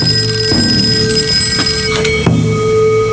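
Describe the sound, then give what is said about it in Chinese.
A telephone rings as a call is placed to Tang Jinrong, a steady, bright bell-like tone that fills the whole moment, punctuated by a few soft clicks or knocks; no one speaks. “沈天，给唐金荣打电话，叫他速来接我。”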